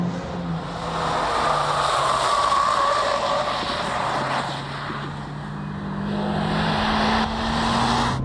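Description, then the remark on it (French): A Type R front-wheel-drive sports hatchback's engine drones steadily as it is driven on a track on cold tyres, its pitch holding and then climbing as it accelerates, with no voices over the sustained mechanical roar. “Alors, je trouve le moteur un petit peu moins plein. Un peu moins coupleux, peut-être ?”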